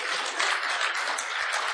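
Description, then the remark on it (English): Steady, dense clapping from an audience, a broad wash of many hands applauding at once, fairly loud and continuous with no voices over it. “Yeah, clap on, yeah.”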